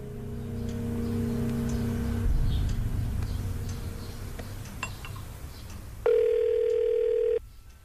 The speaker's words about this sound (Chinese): 我给瑞瑞打电话。